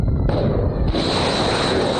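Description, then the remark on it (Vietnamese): Loud explosions boom in southern Iran, including Bandar Abbas, Minab and Sirik: one sharp blast followed by a heavier one, then a continuous roaring rumble fills the rest of the moment with no voices. “Nhiều tiếng nổ lớn được ghi nhận tại khu vực phía nam Iran, trong đó có Bandar Abbas, Minab và Sirik.”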